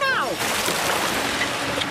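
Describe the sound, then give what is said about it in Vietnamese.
Choppy sea water sloshes and splashes steadily against a boat, a dense, continuous wash of noise, with a brief gliding vocal tone at the very start. “Nhưng mà biển động rồi.”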